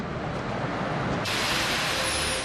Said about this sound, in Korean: 바로 여기가 반지옥 폭포입니다. 아니 근데 이게 웬일인가요? 가까이 가기도 전에 굉음 같은 물소리와 사납게 쏟아지는 물살에 발길을 멈칫하게 되는데요.